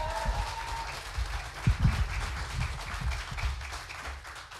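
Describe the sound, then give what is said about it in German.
Sustained audience applause, a ten-point applause welcoming the evening's first performer, a dense wash of many hands clapping that fills the whole stretch at a steady, moderate loudness with no voices on top. “Und mit einem 10-Punkte-Applaus unsere erste Starterin heute Abend aus Kiel”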